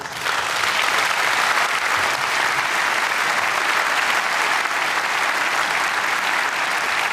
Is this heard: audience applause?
yes